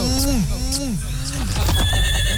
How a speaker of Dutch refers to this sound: Hoor je dat? Dat was vroeger ook een jingle, hè? Daar heb je dat kutpaard weer.